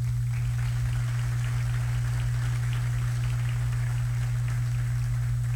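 Steady, sustained applause from an audience welcoming an arriving guest, a dense crackle of many hands clapping for several seconds with no voices, over a constant low electrical hum.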